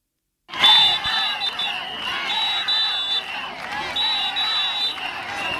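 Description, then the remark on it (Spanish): A loud crowd of about 250 health workers protests at midday at the doors of the Hospital Universitario de Melilla against Ingesa, shouting and chanting in a steady rhythm, with repeated shrill whistle blasts cutting through the dense mass of voices. “Y este era el ambiente a las puertas del Hospital Universitario de Melilla este mediodía.”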